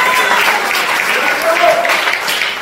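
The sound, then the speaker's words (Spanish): An audience breaks into sustained applause for the Lord at night, a dense, steady wash of clapping that stays loud for the whole stretch, with a few faint cheers or voices rising within it. “Dale un fuerte aplauso al Señor esta noche.”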